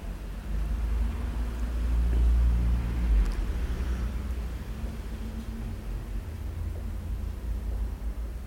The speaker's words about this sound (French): Un scooter blanc, plusieurs voitures, un taxi avec une galerie.